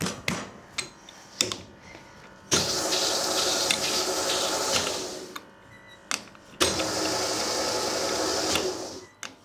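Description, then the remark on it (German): A dough sheeter machine used by confectioners rolls out shortcrust pastry dough in two long, steady mechanical whirring passes with a broad rushing hum, separated by sharp clacks and thumps as the dough is fed and moved back and forth. No one speaks. “Sie arbeiten mit einer Teigausrollmaschine.”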